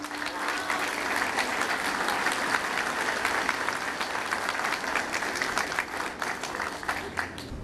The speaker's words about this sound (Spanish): y a las cuales les pido un fuerte aplauso también.